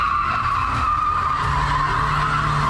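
A car drifts in the middle of a street, endangering traffic, with a sustained, high-pitched tire screech over a loud, rumbling engine, the squeal holding steady and loud throughout without pause.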